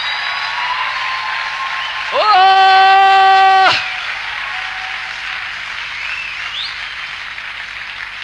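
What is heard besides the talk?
audience applause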